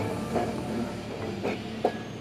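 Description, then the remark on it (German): A tram with small, old-fashioned cars, in a city in the far south of Japan, rolls along its rails with a steady low rumble, broken by a few sharp clacks and brief squeals from the wheels. No one speaks. “Zum Nahverkehr gehört wie in vielen japanischen Städten auch die Straßenbahn.”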